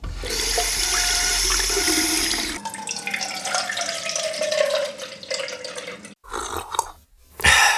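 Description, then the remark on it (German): A tap gushes loudly, then water pours into a glass with a rising, filling tone, followed by a few gulps of drinking. No one speaks. “Ja, so klingt der einfachste Weg, seinen Durst zu löschen, Wasser an auf, trinken.”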